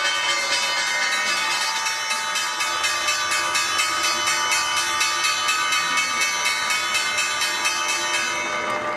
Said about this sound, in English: The bells bring an end to the trading day at the NYSE.